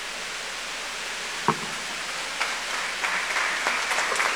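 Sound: audience applause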